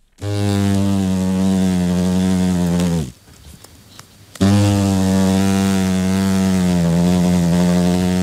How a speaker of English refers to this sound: But once on the wing as adults, these big hornets get a lot hungrier and the sound is more ominous for us and the New Zealand economy.